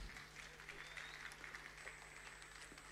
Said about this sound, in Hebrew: אז מגיע לו הרבה מחיאות כפיים, הרב צביקה כהן.